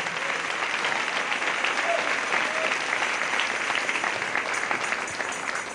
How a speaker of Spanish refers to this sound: Dale ese aplauso al Rey en esta hermosa mañana.